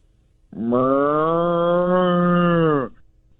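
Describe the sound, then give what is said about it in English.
A person imitates a cow with one long, loud moo, a steady droning low call that holds for about two seconds before cutting off, with no other talking. “Let's hear this cow.”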